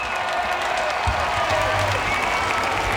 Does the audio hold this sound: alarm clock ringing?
no